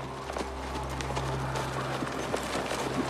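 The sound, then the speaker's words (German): Horses' hooves clip-clop in an uneven, trotting rhythm, with a steady low rumble running underneath throughout. “Du, bewach die Pferde.”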